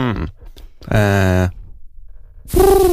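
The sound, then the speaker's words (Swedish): A person imitates a dove's cooing with a few drawn-out, low humming voiced notes, fairly loud, the last one sliding downward in pitch. “Och duva?”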